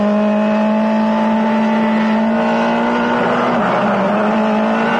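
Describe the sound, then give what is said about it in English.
A loud car engine drones steadily, its pitch briefly dipping then climbing again as it accelerates, with no voices present. “We're speeding up.”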